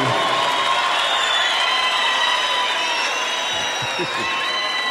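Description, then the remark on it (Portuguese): A large crowd at a sertaneja music show cheers and applauds for five seconds without pause, a dense, loud wash of clapping mixed with shouts and high whistles. Nobody speaks clearly above the noise. “Cadê os aplausos?”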